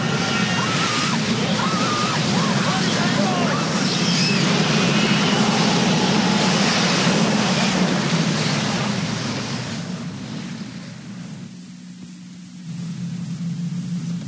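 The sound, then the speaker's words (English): A loud, continuous rushing roar with a deep rumbling undertone from a tornado coming up a train track holds steady for about ten seconds, then eases briefly before swelling again. No voices. “Now it's coming up the track in my direction. Maybe that's what I heard. Not a train, but a tornado.”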